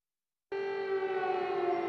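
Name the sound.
air raid siren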